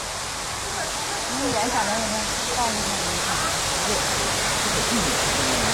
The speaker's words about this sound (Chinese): 这个地方呢，就是我们也是一个栈道瀑布啊，非常美的地方。在这个地方打卡拍照也是非常好看的。它连着我们的西上民宿。啊，冲这个瀑布走呢，就可以直接到达西上民宿。